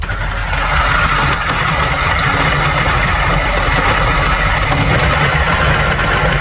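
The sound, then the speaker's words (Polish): An electric coffee grinder grinds 15 grams of freshly roasted coffee beans, a loud, continuous motorized buzz with a gritty, rattling texture, holding even for several seconds with no talking. “zmielić kawę i zalać ją wodą”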